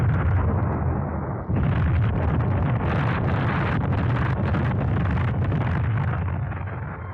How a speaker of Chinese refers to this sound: 就从这儿开始，村庄里就雷声隆隆，此伏彼起，连绵不断。不管是在屋里屋外、房上房下，还是在墙头井边、鸡窝猪圈，哪儿都是爆炸的地雷，到处都成了敌人的坟场。